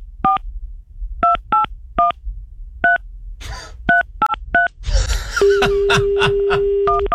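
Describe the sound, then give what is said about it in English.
A string of short, crisp keypad tones as a phone number is dialed, each beep paired and evenly clipped, with a brief rustle, a longer steady tone, and some muffled movement partway through. “Dial that number, please.”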